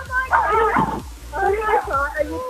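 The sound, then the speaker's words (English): A dog barks and yips in short bursts in the background while people talk excitedly over it in the foreground. “Is that the dog barking in the background?”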